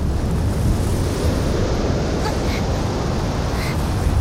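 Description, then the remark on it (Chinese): Strong wind roars steadily, buffeting the microphone with a dense, low rumbling hiss that never lets up. No voices are heard. “这么大的风， 是不是太勉强了？”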